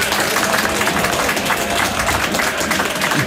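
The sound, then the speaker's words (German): Loud, sustained applause from a large crowd, a dense steady wash of many hands clapping at once with no pauses, lasting the whole few seconds. “Mario, was du wahrscheinlich nicht weißt, ist, dass Tausende am Radio zu hören, aber 10.000 Menschen hier im Studio sind, die dir für deine Reportage jetzt gratulieren werden durch einen Applaus.”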